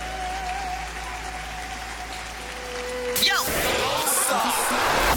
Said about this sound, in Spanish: Vamos, levante ese aplauso fuerte.